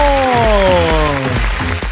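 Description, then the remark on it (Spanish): Steady crowd applause fills the whole two seconds, loud, with a sustained tone that slowly glides downward layered over the clapping. “¡Fuerte el aplauso!”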